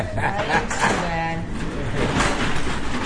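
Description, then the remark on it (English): A shipping truck rumbles as it backs up toward sliding doors at the Urban Mission nonprofit food pantry in Watertown, with a brief squealing tone partway through and a busy murmur of background noise throughout. “A shipping truck backs up in front of the sliding doors.”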